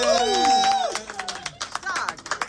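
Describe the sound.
A crowd breaks into applause: a drawn-out cheer or whoop at first, then a patter of many hands clapping irregularly at moderate volume, with some voices mixed in.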